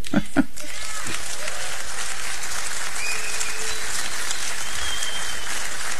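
A crowd applauds steadily, a dense wash of clapping that stays loud and even for several seconds, with a few sharp individual claps standing out at the start.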